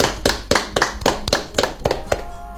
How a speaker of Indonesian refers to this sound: Tepuk tangan untuk Kak Wita.